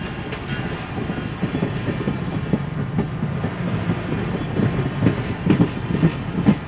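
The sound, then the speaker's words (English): A scenic train rumbles past in the Cuyahoga Valley, its cars clattering steadily over the rails with faint wheel squeal and rhythmic clacks, loud and continuous throughout with no one talking. “The scenic train passes by in the Cuyahoga Valley.”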